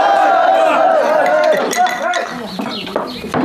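A crowd of voices shouts together in a noisy cheer, then bright clinks ring out as glasses knock together amid overlapping chatter, lively; a group toasting with glasses of alcohol.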